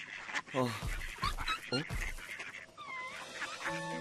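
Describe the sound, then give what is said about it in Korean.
Several loud, nasal duck quacks burst out in an uneven run near a reed bed, followed by brighter chirping and sustained tonal sounds toward the end. “오리가 저기였잖아.”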